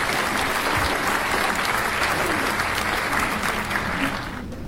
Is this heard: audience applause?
yes